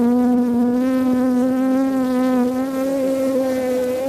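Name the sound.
bees buzzing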